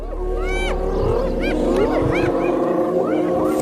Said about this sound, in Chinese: 听，这叫声是什么意思？还越叫越大声。 这不是挑衅狮子的叫声，而是斑鬣狗在召唤族群里的其他成员。